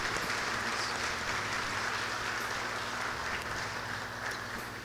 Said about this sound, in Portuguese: Que Deus abençoe os nossos catequistas, em nome do Pai, do Filho e do Espírito Santo. Amém. Amém. Isto, palmas para eles, né? Obrigado, viu?